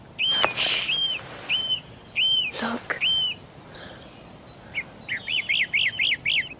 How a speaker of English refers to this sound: The birds have lost their fear. They don't see people. More curious now than afraid.